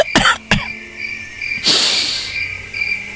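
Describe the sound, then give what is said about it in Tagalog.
Two or three sharp coughs at night, followed by a breathy, hissing exhale, while crickets chirp steadily in the background throughout. “Bisad karong gabi ho na, hibalo ko nakabati sila sa akong kanunay nga pag-ubo.”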